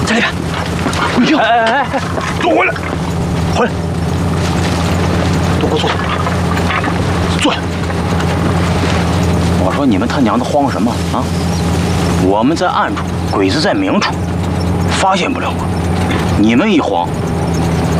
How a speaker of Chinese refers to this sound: 我听到声儿了，我听到声音了。 啊！ 这也不是"呦"，也不是"滋儿"，听出啥事儿了？汽车声音，汽车声音。